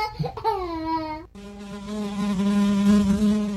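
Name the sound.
fly buzzing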